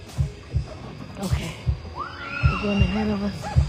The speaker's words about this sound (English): An ominous, steady heartbeat is pumping through hidden speakers, signaling the start of our haunted experience.